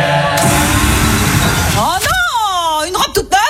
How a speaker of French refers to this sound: Pour les 100 ans de style, on s'est dit qu'on pourrait souffler nos bougies avec un souffleur à batterie.